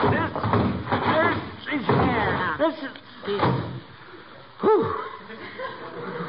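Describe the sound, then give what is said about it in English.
People grunt and strain as a heavy old trunk, of a kind not manufactured for 75 years, is hauled up to be brought into the house, with breathy chuckles mixed in, then a dull thump as it is set down. “That's the heaviest piece of luggage I ever saw.”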